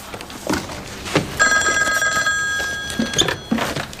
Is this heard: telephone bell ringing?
yes